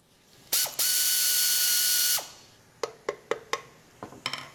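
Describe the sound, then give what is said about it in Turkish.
A ratchet wrench whirs in a loud, sustained burst of rapid clicking, then a string of sharp, separate metallic clicks as it removes the nuts and washers from a car's transmission end cover. No voices. “Şanzımanın uç kapağını üzerindeki tüm somun ve rondelelerle birlikte çıkarıyorum.”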